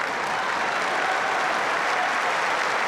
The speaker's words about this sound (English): And the crowd really getting into this. They've loved the quality of this match.